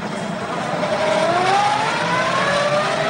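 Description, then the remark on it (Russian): A car engine hums loudly and steadily, its pitch climbing gradually as the vehicle accelerates on its way to the port, with a broad wash of road noise and no voices. “цепляется за машину, проезжающую в порт.”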